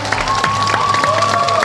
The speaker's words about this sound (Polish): I to nasze oklaski to jest chyba dla nich największa nagroda. To, że się tak tłumnie gromadzimy i chcemy ich oglądać.